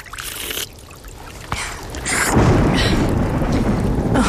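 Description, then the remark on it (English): Steady rain pours down in a broad, continuous hiss, swelling louder partway through, with a deep rumble of thunder rolling underneath. No voices, just the enveloping downpour. “Oh, it would rain.”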